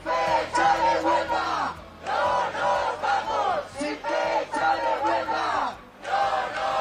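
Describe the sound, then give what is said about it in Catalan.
A large crowd at a union-called housing protest in Madrid chants slogans in unison, loud, repeated phrases with a steady rhythm and brief pauses between each shouted line, many voices blending together. “Ja ho sentiu, els sindicats convocants asseguren que el clam popular és unànim.”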